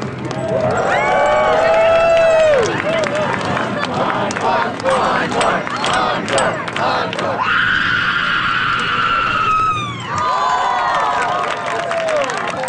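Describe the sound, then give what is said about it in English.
Loud, drawn-out human screams at a scream contest judged on volume, duration and style rise over a noisy, cheering crowd, with one especially piercing sustained shriek lasting a few seconds before the crowd's yelling returns. “The first guttural scream happened last month in San Francisco.”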